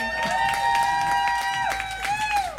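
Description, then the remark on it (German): An audience claps with scattered applause while a sustained high whistling or hooting tone rings over it for most of the short burst. “Einen herzlichen Applaus.”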